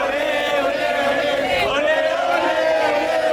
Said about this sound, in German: Nach den Spaniern dürfen jetzt auch die Argentinier jubeln.